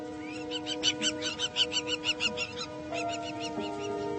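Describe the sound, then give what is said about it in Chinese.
A rapid series of harsh, high-pitched bird calls from local birds driving off an intruder that came too close to their nests, about a dozen sharp squawks in quick rhythm, then tapering off into a steady background hum with no voices. “生活太艰难了，连小鸟都要把你赶走。”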